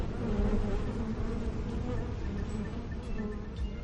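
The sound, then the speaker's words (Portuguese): A steady buzzing of honeybees, the insects that produce honey, fills the whole stretch, a dense low drone that holds at an even loudness without pauses or speech. “É este importante inseto chamado abelha que produz o mel, um produto muito importante para a nossa saúde.”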